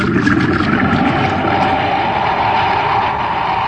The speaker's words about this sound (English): It's the mine's automatic pump.